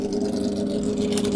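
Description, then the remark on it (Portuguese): A vehicle engine runs steadily throughout, a continuous low droning hum with a constant level, uninterrupted, with no voices over it. “Passou o obsequio e desliga o motor.”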